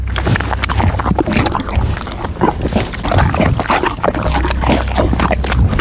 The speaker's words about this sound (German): Ich habe eher den Eindruck, sie trinkt irgendwas, schmatzt ganz schön. Also es klingt auch sehr sabba, flüssig. Ach, jetzt weiß ich's doch. Die Pferdedame Didi frisst gerade eine Banane.